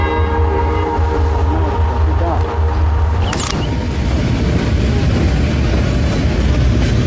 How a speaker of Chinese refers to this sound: 是的，这边这个火车走掉以后呢，90分钟以后它将通过仁子桥。